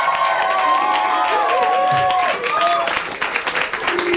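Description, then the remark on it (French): A loud, dense crowd applauds and cheers continuously as a poet is called up on stage, with whoops and shouted voices rising over steady clapping that fills the whole stretch without pause. “Allez, on applaudit jusqu'à ce qu'il monte, s'il vous plaît.”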